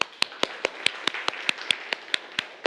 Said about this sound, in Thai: ก็ปรบมือให้กับตัวเองนะครับนักเรียน